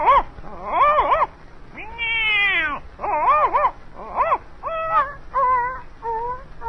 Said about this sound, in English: There it is. I know that old cat would whip that boo dog.